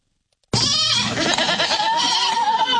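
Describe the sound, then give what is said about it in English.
Baby goats with rabies at a mobile petting zoo in Iredell County, North Carolina, bleat loudly, a sustained wavering cry that starts abruptly and carries on for a couple of seconds, with overlapping calls and no talking. “Baby goats with rabies at a mobile petting zoo in Iredell County, North Carolina.”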